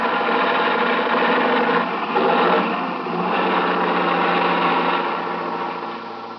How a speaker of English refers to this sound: Watch out for this truck. Yeah, he's pounding to make the hill. They always do coming across the bridge.